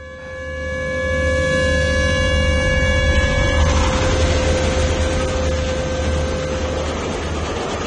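A train rumbles loudly along the tracks, its horn holding one long, steady blare over the heavy clatter and roar of the wagons; no voices.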